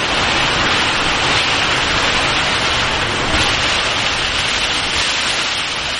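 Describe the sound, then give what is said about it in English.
Heavy storm rain pours down in a dense, steady, loud roar, heard while sheltering in a boat shed, with no pauses or letup and no voices. “This storm shower alone must be a good 20 minutes.”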